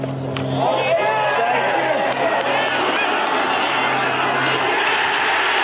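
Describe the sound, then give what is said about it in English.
A large golf crowd roars and cheers, recorded on tape, at Christy O'Connor's second shot, in a sustained, dense wash of many voices that swells early and stays loud throughout, with a low steady hum underneath. “Here's now the roar we heard Christy O'Connor on tape.”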